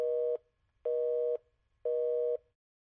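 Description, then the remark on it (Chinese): A telephone busy signal beeps three times in a steady on-off rhythm, each tone about half a second long with equal gaps, clear with no voices, after a suspected scam call is hung up. “好险，差一点儿就被诈骗电话给忽悠了。”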